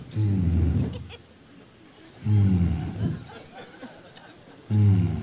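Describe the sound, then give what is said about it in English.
A voice imitates a sputtering airplane engine with three low, rough, throaty bursts, each about a second long, spaced by short pauses and quieter breathy noise. “And all of a sudden, I heard the engine start going.”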